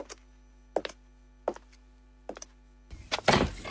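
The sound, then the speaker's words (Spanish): Knocking on a door in three quick double raps, evenly spaced, followed by a louder, rougher burst of noise at the end. No one speaks. “Mire por dónde. La inspiración llama a mi puerta.”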